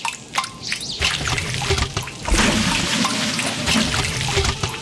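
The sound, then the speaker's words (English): Water pours and trickles steadily, a continuous splashing flow that grows fuller and louder partway through, with small drips and gurgles mixed in and no voices. “Water. It's the start of everything.”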